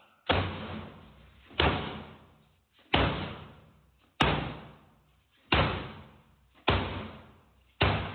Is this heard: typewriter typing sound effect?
no